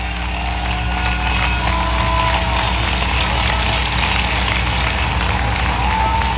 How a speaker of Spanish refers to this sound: Bueno, ¿cuántos le dan un aplauso grande ahí al Cristo de la gloria?